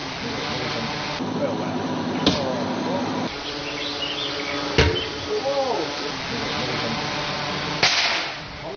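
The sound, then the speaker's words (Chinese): Three sharp, crisp impacts ring out a couple of seconds apart as metal arrows dropped by a drone from 25 meters pierce an 11 mm wooden board, an 8 mm gypsum board and a 1 mm iron sheet in a test by Chun'an police and forestry bureau, over a steady buzzing drone hum. “随着三声清脆的响声，金属利箭从高空落下，将三种不同材质的物品全部贯穿，在场人员无不为之心头一震。”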